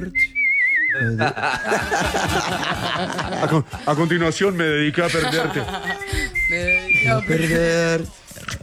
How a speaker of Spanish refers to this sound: Bueno, no, va a cantar su... el himno de México. Va a silbar.